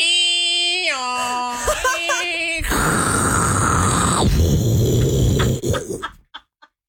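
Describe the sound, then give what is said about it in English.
A voice mimics a dial-up modem handshake: stepped, warbling tones give way to a loud hissing, static-like screech, then a few short clicks trail off as it ends. “Do old dial-up.”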